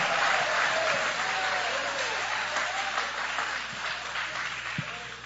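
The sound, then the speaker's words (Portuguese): An audience applauds Him with joy in a dense, steady wash of clapping that fills the whole clip, with a few faint vocal cheers rising and falling beneath it. “Levante a mão então e aplaude a Ele com alegria.”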